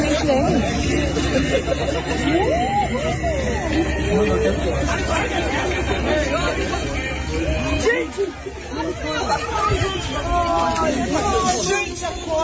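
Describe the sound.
A crowd of people shouting and clamoring over one another in loud, continuous overlapping voices, with a brief dip in the commotion before the yelling swells again.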